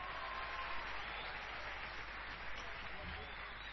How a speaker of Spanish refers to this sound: Porque está enamorado, entonces fuertes los aplausos para él.